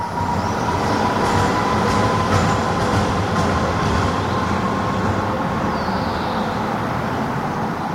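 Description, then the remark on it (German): A tram in Halle rolls steadily along the rails around a curve, a continuous loud rumble and rattle with a thin, sustained wheel squeal running underneath; no one speaks. “Also Halle, finde ich, klingt total nach um die Kurve fahrenden Straßenbahnen, die dabei ganz laut quietschen.”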